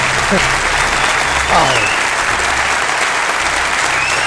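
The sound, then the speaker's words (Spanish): Steady applause from an audience welcoming the first guest of a live show fills the whole stretch, a dense, even wash of clapping with a few brief voices rising over it. “Ya solo nos queda presentaros y saludar aquí en directo a nuestro primer invitado para el que os pido un tremendo aplauso,”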